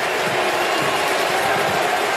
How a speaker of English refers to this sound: He stopped. Listen to the crowd going crazy for him, right?